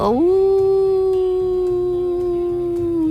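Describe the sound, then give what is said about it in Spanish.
A desert wolf lets out one long, steady howl that dips in pitch at the start, then holds loud and unbroken for about three seconds over a soft, rhythmic low backdrop. “No te puedes quedar aquí, aquí hay un animal que tiene los dientes largos, las orejas cortas y que hace...”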